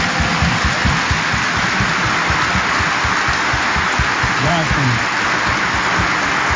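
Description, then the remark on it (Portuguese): An audience at the end of a church service in a sanctuary applauds the singers steadily for several seconds, a dense, continuous patter of many hands clapping at an even loudness, with a murmur of voices mixed in. “Antes que o diácono nos despeça, os nossos cantores brilharam muito, nos ajudaram a rezar e merecem uma salva de palmas generosa.”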